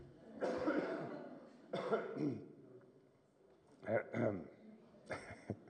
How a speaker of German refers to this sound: Und kurz dolle Husten muss ich.